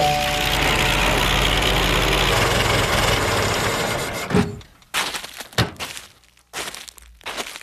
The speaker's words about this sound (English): One day, as the hungry child played alone by the road, a car pulled up and stopped.